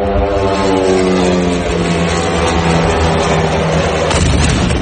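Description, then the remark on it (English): A loud, steady propeller drone buzzes with a droning engine whine, a Ukrainian drone launched toward Moscow, then a sudden blast of impact noise erupts near the end as it strikes a high-rise building in a Moscow suburb. “Officials say Ukraine fired more than 1,000 drones at Russia overnight, with hundreds launched toward Moscow, including this one.”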